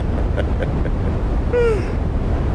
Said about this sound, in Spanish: Este es el famoso brown noise. A mí esto me agarró un sueño, güey. Es decir, el brown noise es como ir en vuelo.